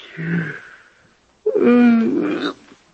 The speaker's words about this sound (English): It's funny, I don't know why I'm yawning. Nerves, I guess.